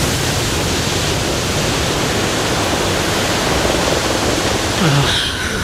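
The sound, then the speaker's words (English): A loud, steady roar of rushing, spraying water fills the whole stretch as a plane slams down hard onto the water, with a brief surge of churning near the end and no voices. “I see the shadow on the water. We're going to hit it hard.”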